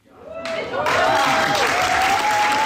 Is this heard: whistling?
no